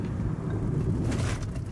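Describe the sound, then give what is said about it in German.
Steady low rumble of road traffic in Mexico with engines droning, and a faint whoosh of a car passing partway through, no voices. “Also der Verkehr hier ist sehr gewöhnungsbedürftig.”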